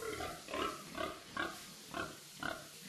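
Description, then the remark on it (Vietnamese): Pigs, a herd of over 30 nearly ready for sale, grunt repeatedly in a pen at a family home: a steady series of about five or six snorting grunts spaced roughly half a second apart over a constant background hum, with no voices. “trở về nhà chăm đàn lợn hơn 30 con, sắp đến kỳ xuất chuồng.”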